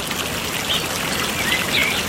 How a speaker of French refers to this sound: elle écoute les oiseaux chanter. Elle aime beaucoup, beaucoup les oiseaux. Elle écoute la petite rivière qui coule.